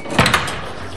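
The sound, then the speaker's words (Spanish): A door opens with a couple of quick bright clunks followed by a soft sliding whoosh that fades, fairly loud, with no voices. “Como si alguien hubiera pronunciado sin querer alguna palabra mágica, la puerta se abre.”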